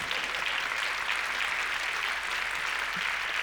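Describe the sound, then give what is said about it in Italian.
A theatre audience claps steadily for a few seconds during a stage performance, a dense, even wash of many hands with no voices standing out, keeping a constant loudness throughout. “Se fate anche un applauso, magari ci aiutate.”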